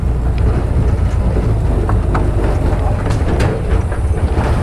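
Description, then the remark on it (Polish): A three-wheeled motorcycle, driven by a young man, rides along a wide forest path rather than a road, its engine a steady, loud low rumble throughout, with scattered rattles and knocks from the bumpy ride. No one speaks. “Jedziemy tym trójkołowym motocyklem, ale drodzy radiosłuchacze, nie jest to droga, ale po prostu szersza ścieżka przez las.”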